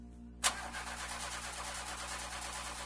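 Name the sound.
car engine cranking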